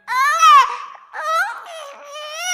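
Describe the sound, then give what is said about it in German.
A very small baby cries loudly, wailing in a few drawn-out, wavering bursts separated by short catches of breath. “Ich hab ein Baby, das kann so gut schreien, schreien, schreien.”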